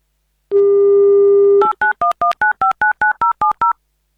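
A steady telephone dial tone hums for about a second, then a quick, even run of roughly ten beeping touch-tone digits as the radio station Avtoradio dials a listener during an on-air game. No voices.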